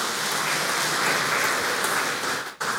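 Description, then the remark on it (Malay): An audience of fathers and mothers claps again for the children, a steady, dense, even wash of many hands that holds at the same level, then dips briefly before picking up again at the very end. No one speaks. “Sekali lagi tepuk tangan Bapak Ibu.”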